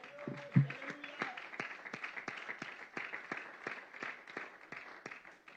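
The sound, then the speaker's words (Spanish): A church audience gives an evening offering of applause to Christ, clapping steadily for several seconds, sharp hand strikes layered into a dense, even patter. A brief voice sounds at the start, then the applause carries on alone. “¿Cuánto damos una ofrenda de palmas a Cristo esta noche?”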